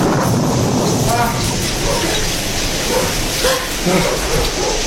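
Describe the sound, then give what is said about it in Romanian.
A thunderstorm's steady, dense roar of rain fills the whole stretch, with a few brief voice-like cries surfacing over the wash of noise. “Cred că o să se potorească furtuna.”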